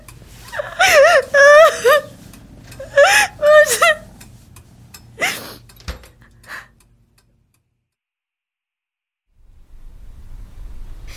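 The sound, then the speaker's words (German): A girl cries and whimpers in a hunting lodge in shaky, wavering sobs, then a sharp gasping breath and a few softer sniffles before the sound drops into silence and faint background noise returns. “Ich will nach Hause. Ich will einfach nur... Nicht weinen,”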